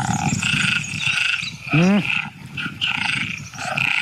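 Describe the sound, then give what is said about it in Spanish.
A chorus of tree frogs calls steadily in the background, with bright chirping notes, while one loud call rises in a stacked, rasping sweep near the middle. “Las hembras de ranas arborícolas tardan más en elegir pareja cuando oyen”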